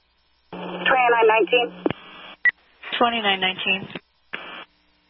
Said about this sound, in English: Affirm, that was just cancellation tones. I tried to raise you on the air, and this when I didn't get a response, I thought cancellation tones would be best.